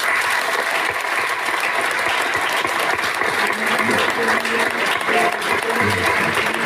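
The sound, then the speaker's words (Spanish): Sustained applause from an audience at a festival, clapping in memory of departed members of the comparsas (festival troupes), a dense, steady patter of many hands clapping at an even loudness for several seconds with no one speaking over it. “Un fuerte aplauso en su recuerdo.”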